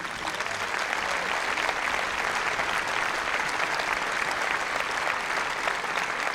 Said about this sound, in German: Also an dieser Stelle geht schon mal ein großes Dankeschön an die vielen Menschen auf und hinter der Bühne, die diesen Abend hier möglich machen. Ich bitte Sie um einen Applaus.